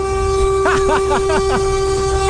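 A car horn blares in one long, steady, unbroken honk that runs the whole time, loud and close, while a voice talks briefly over it partway through.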